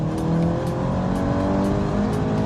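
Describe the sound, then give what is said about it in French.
A car engine revs steadily, its droning pitch climbing gently across a few seconds, loud and continuous with no voices over it; the engine's own sound is joined by an active sound played through the car's speakers, the car revving to around 6500 rpm at the top. “Il y a un petit son moteur qui vient du moteur quand même.”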